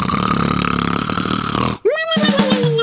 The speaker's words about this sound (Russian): Проснись от собственного храпа.